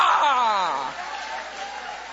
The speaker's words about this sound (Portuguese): Levante a mão e vai aplaudindo, levante a mão e vai glorificando.